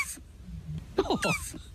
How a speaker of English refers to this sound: giving us the sound of a turtle